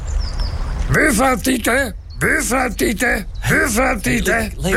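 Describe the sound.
A person imitates a parrot with a rapid series of squawky, warbling vocal calls in short bursts, fairly loud, with a brief pause midway.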